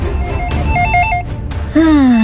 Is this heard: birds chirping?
no